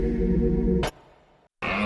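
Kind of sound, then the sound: animal, deer stag roaring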